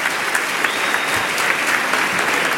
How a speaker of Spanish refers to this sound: Que denle un aplauso al Rey.